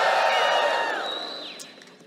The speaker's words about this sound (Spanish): Los despiertos denle un grito de júbilo para que se despierten.